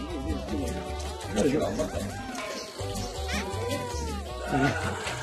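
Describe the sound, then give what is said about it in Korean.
Baby goats, abandoned by their mothers and being raised on milk, bleat repeatedly, their wavering, quavering cries overlapping through a steady hum of background noise, with a voice talking underneath. “도착하기 무섭게 챙기는 건 아기 염소들인데요.”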